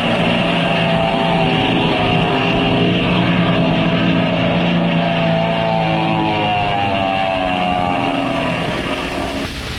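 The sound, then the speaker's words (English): A black plane dives out of the sky with a loud, steady engine roar. Its whining harmonics slowly bend and shift in pitch for the whole stretch, with no voices. “Just at the moment when things began to look brighter for Captain Midnight and his friends, a black plane dives out of the crimson sky.”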